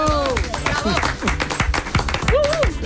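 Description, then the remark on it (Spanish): A burst of lively applause for Roberto Brasero, rapid claps packed together for a few seconds while several voices shout and talk excitedly over the clapping. “Sí, aplauso.”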